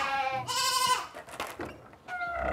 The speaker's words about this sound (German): Ja, oft ist es so, ich brauche nichts sagen, aber die Ziegen erkennen mich und dann fangen sie an zu meckern.